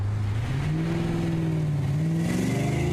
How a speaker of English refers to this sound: The car surged forward impressively, but at the same time, a queer swaying motion gave me a real scare.